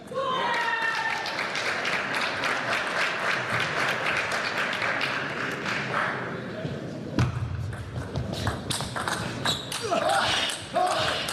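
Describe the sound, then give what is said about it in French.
Loud, dense applause from a crowd at a table tennis match, as Dimitri Ovtcharov takes the second game in the round of 16, rolls on steadily, then thins into scattered, uneven claps over a low murmur of voices. “En 16e de finale, applaudi par son coach qui prend la deuxième manche.”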